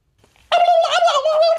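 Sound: turkey gobbling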